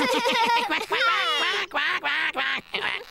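A duck quacks in a rapid run of loud, nasal calls, several quacks strung together with brief gaps between them over a few seconds.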